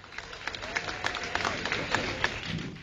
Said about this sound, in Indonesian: Berikan tepukan gemuruh kepada Puan Yapien.